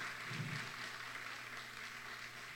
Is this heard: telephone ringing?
no